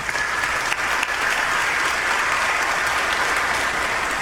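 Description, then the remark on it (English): An audience breaks into sustained applause, a dense, steady wash of many hands clapping at a fairly loud level for several seconds, with no talking over it. “We can clap for that.”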